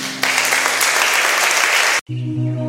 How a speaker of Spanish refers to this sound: damos nuestra sublime adoración. Con un aplauso, Jesús.